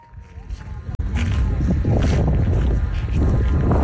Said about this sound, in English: We're going on a journey to what sounds like a pretty windy place. Yes, well, you're pretty exposed when you're standing in the middle of a flat, white, 60-kilometer expanse of salt. It's a bit of a nightmare for recording sound as well.